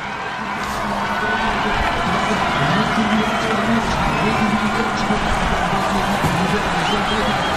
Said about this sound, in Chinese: 接近终点看台了，能听到现场主场的观众震耳欲聋的欢呼声。